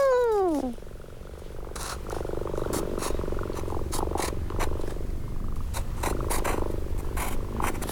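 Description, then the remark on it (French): A cat gives a single falling meow, then settles into a steady purr that rumbles continuously for several seconds, with faint rustling clicks on top. “C'est l'histoire d'un petit chat Miaou.”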